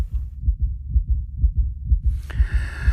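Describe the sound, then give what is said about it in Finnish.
A man's fast, steady heartbeat thumps low and muffled as he sits in the sauna at the Sauna World Championships, the beats coming in a quick even rhythm, pounding harder and harder; near the end a high, hissing tone rises in over the pounding pulse. “sydän hakkaa kovempaa ja kovempaa.”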